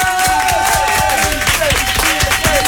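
A crowd claps loudly and steadily, dense overlapping hand claps filling the whole moment, with a faint sustained tone and a few short whistle-like chirps running underneath.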